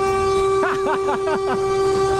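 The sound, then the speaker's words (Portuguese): A loud, steady vehicle horn blares continuously while five quick warbling rising-and-falling tones pulse over it in a regular rhythm. “Buzina, não, não vai embora, não, né?”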